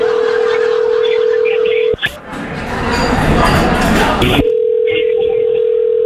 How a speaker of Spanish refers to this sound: ya te colgó. Vamos, ya te colgó. Vamos a marcarle otra vez, ¿ok?